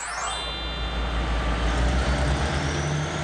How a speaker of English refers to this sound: The EC expedition team hopped on the train. Everyone seems excited to be on it. Yay, the EC train is off. Hoot hoot. The C train travels a total of 56 kilometers along the eastern coastline.